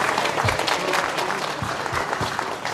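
A crowd claps steadily and densely for a few seconds, a loud, continuous wash of applause with scattered sharper hand claps standing out, no voices rising above it.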